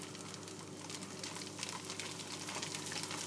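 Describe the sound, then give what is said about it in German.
Broth made from boiled soup vegetables poured into the bottom of a hot pan beneath meat, a steady bubbling hiss and sizzle running continuous for a few seconds, with no talking. “Jetzt gießen wir hier unten ein bisschen Brühe an.”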